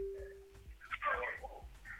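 A steady electronic phone tone hums for a moment, then cuts off into crackly, chirping line noise over faint rhythmic low thumps, as a phone call is attempted on a second phone over a faulty network.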